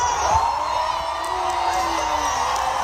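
A large concert crowd at a show in Paris cheers and roars after being told England just scored, in a steady, loud wall of noise, with scattered whoops and shouts rising above it and no clear speech.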